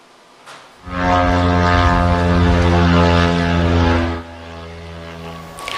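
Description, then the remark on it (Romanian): Kamikaze drones launched by Ukraine's army in a massive drone attack on Russia, their propeller engines droning loudly overhead: a steady, harmonic buzz that surges in abruptly, holds for about three seconds, then drops away to a quieter rumble. “Sute de aparate kamikaze au fost lansate de armata Kievului, iar autoritățile din regiunea rusă spun că vizate au fost rafinerii de petrol și o importantă uzină petrochimică.”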